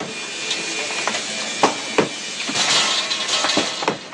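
A heavy hammer strikes concrete in irregular, sharp blows, several hard cracks spread over a few seconds against a steady hissing background, with no voices.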